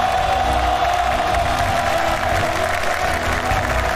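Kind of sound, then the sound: crowd, audience applause and cheering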